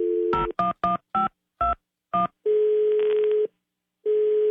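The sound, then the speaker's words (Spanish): Six quick keypad beeps as a phone number is dialed, followed by a steady ringback tone over the line, a short pause, then another ring begins; no one answers or speaks. “Mi amor, qué lástima que no nos contestó tu muchacha, caray.”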